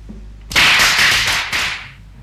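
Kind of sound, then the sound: impact, firecrackers going off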